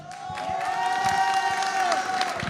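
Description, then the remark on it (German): A crowd applauding and cheering outdoors at a fire brigade festival (Feuerwehrfest) in Ratschener Weinstraße, steady dense clapping with whoops and shouts rising over it, lively throughout. “Jetzt weiß ich nicht, Hannes Zweitig, Bürgermeister von Einhausen, haben die jetzt für uns geklatscht oder für dich als Bürgermeister?”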